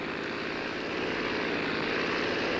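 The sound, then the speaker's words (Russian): A propeller airplane engine drones steadily and loudly in flight at night, about 3,500 metres up over the Colorado River, a continuous hum with a fine rapid pulsing texture, holding constant throughout with no voices. “К счастью, этот мотор в полном порядке.”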